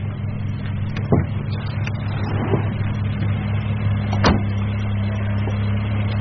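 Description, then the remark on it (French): A car engine rumbles steadily, with a few sharp clicks and knocks, as the car restarts and pulls away. No one speaks. “Quand la voiture a redémarré”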